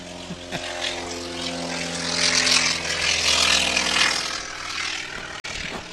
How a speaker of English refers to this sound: And right on cue, we have a T-28 taking off.